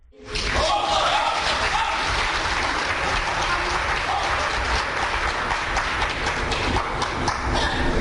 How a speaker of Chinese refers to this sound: 这期节目当中，咱们请出郭德纲和王文林，这二位将为您合说一段《天下无贼》。小楼跟您，咱们掌声请出这二位。